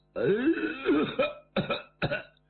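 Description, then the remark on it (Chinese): A man's voice gives a drawn-out, throaty vocal sound, then two short, sharp coughs, performed as an imitation of someone in the courtyard coughing twice as footsteps sound. “就听院里响起脚步声音，有人还咳嗽两声。”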